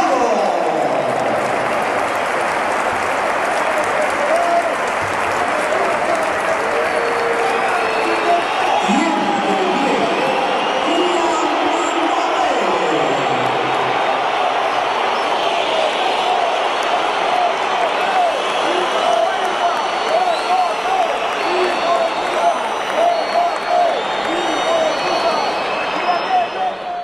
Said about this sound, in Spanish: Gritos, insultos, se iba Gonzalo, por eso los primeros aplausos situamos, y entraba Kylian Mbappé.